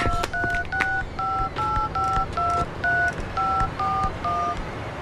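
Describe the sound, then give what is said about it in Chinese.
A rapid series of about eleven telephone keypad tones, each a short dual-pitch beep, dialed at a steady pace with brief gaps between them over a faint background hiss, as someone phones the only gold shop in Nanbei Town. “哎哎，我有，南北镇呢就一家金器店，我马上打电话去问啊。”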